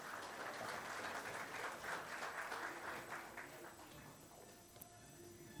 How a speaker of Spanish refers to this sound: a quien vamos a recibir con fuertes aplausos, por favor.